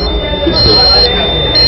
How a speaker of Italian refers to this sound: Questo allarme indica che la temperatura della mia scheda madre... si è alzata un po' troppo, comunque non me ne frega niente, perché tanto dobbiamo fare questa prova.